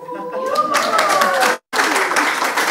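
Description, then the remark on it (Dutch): A live audience at the Design Museum Gent bursts into steady, dense applause, many hands clapping loudly together, with a brief cut partway through before the clapping resumes just as strongly. “Dan geloven ze ons tenminste dat we hier zitten met een live publiek.”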